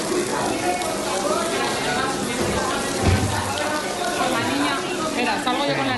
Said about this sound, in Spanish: Las trabajadoras de una de ellas, la del Encinar, en Ciudad Lineal, tuvieron que sacar corriendo y deprisa a los niños porque el agua caía a chorros por las paredes.